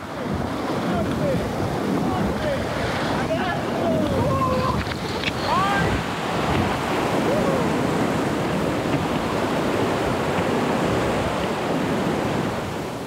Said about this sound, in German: Das Wasser kommt hoch oben aus dem Nationalpark Stilfser Joch und führt vor allem im Sommer viel kaltes Schmelzwasser, der Presanella-Gletscher. Avanti! Das Wasser hat hier schon rund 2000 Höhenmeter hinter sich und entsprechend viel Power.